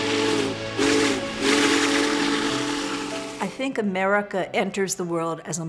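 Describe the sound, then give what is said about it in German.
A Big Boy steam locomotive's whistle blows a steady, chord-like note over loud hissing steam for a few seconds during a run on a historic railroad line in America, then fades as a man begins speaking. “Auch daran erinnert die Fahrt des Big Boy auf der geschichtsträchtigen Strecke.”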